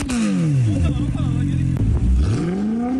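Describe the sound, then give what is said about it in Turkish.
A vehicle engine revs loudly through an exaggerated modified exhaust that causes noise pollution, its deep roar sliding down in pitch, holding briefly, then climbing back up in a continuous, rumbling sweep. “Trafik şube ekiplerinin yaptığı denetimlerde gürültü kirliliğine neden olan ve abartı egzoz kullanan sürücüler de belirlendi.”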